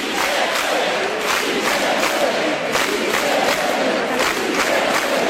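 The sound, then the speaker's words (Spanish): A large crowd in the Plaza de la Virgen chants «Sí se puede» in unison, a loud, steady roar of many voices rising and falling in a regular rhythmic pattern, with no single speaker standing out. “Tras el programa, la Plaza de la Virgen se volvió a llenar al grito de «Sí se puede».”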